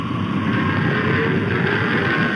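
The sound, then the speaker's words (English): In a Lone Ranger radio drama, a herd of longhorn cattle stampedes toward Silver Basin in a continuous, dense low rumble of countless pounding hooves, steady and fairly loud throughout with no voices. “Longhorns, coming this way.”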